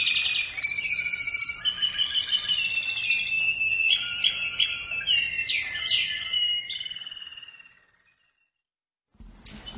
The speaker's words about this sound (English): The Mozarts and Beethoven and Chopins of the bird world.